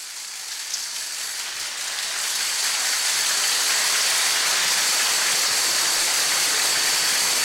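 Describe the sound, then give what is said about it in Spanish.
An audience applauding to vote for a contestant, a dense, crackling wash of many hands that swells over the first few seconds and then holds steady and loud, with no voices over it. “Su aplauso comienza ahora.”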